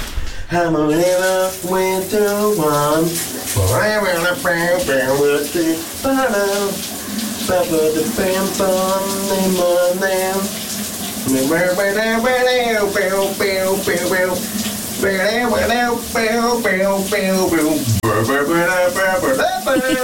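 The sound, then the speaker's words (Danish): A man sings a wordless, wavering melody on a Monday morning over the steady hiss of running shower water, his voice echoing slightly as the spray continues throughout. “han har sunget i bruseren.”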